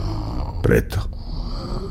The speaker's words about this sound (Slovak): Chrápanie. Chrúmanie. Chudoba. Človek sa bojí, preto chrápe.